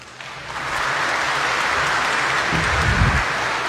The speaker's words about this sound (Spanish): Hoy, 13 de septiembre, a vísperas de celebrar la fiesta de nuestro querido Señor de los Cumba, le vamos a regalar al Señor unos fuertes aplausos.